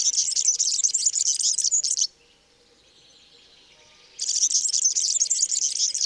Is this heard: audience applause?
no